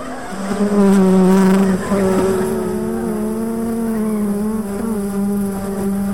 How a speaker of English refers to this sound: Oops. What was that? That would be the killer bees.